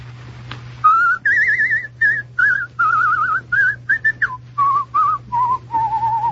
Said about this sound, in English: The next one's very easy. I don't think I'll even give you the line. I'll whistle it for you instead.